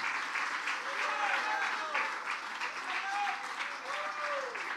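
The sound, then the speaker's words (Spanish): Sustained applause from an audience, given as praise to Almighty God, a dense steady patter of many hands clapping for several seconds, with faint voices calling out beneath it. “Si Él ha hecho algo en tu vida, dele un aplauso al Dios Todopoderoso.”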